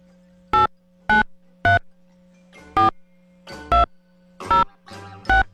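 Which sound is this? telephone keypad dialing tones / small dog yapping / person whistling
telephone keypad dialing tones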